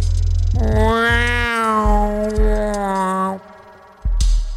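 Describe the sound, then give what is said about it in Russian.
A single drawn-out, eerie wail like a squashed cat, loud, wavering slightly in pitch for about three seconds before cutting off into a low background rumble. “Как будто кошку придавила, сказала Айрис.”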